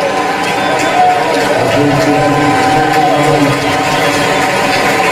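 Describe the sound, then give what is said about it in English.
Mets fans in a baseball stadium applaud and cheer a pitcher's first major league strikeout in a steady, loud wash of clapping and voices that holds at an even level for about five seconds without fading. “And then that gets a nice hearty round of applause from these Mets fans.”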